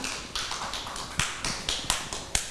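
Hands clap in a steady, even rhythm, about two sharp, crisp claps per second, fairly soft and with no voices over them, applauding a young child at a teacher's request.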